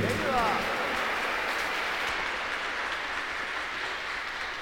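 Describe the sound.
After a prayer to the Virgin of El Quinche, a large crowd applauds steadily for her, a dense, sustained wash of clapping that stays loud throughout, with a brief voice cutting in at the very start.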